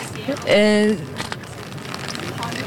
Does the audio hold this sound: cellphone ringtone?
no